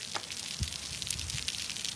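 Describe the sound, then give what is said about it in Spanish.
Steady rain falling at night in Valencia, a dense crackling hiss with scattered sharper patters and drips, constant throughout, with no voices. “Es el otro sonido de la noche, el de la lluvia.”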